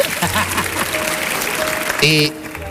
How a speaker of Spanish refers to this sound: Bien, eso, ahí se merece un aplauso desde el final, ahí. Eso es lo que estaba buscando.